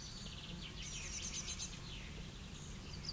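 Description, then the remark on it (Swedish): A magpie calls faintly as it flies toward a tree after sunrise, a brief run of rapid chattering chirps over a steady low outdoor rumble, with no one speaking. “Ja, ja, där kommer skatan. Den flyger mot trädet.”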